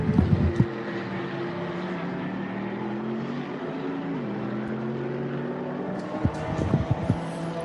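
The engine of the Viper Nissan Mercedes race car, with Melvin Moe on board, drones steadily at a low, buzzing pitch as it leaves the pit lane, its tone dipping briefly midway, with a few sharp bursts of revving toward the end. No one speaks.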